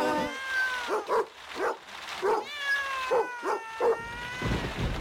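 cat meowing

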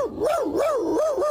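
dog barking in reply

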